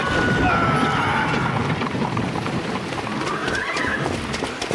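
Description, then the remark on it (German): A horse-drawn carriage clatters by, hooves pounding in a dense rumble while a horse lets out a loud, rising whinny over the noisy, continuous commotion, as a man runs in front of the horses in an accident. “Der Mann ist mir einfach vor die Pferde gelaufen.”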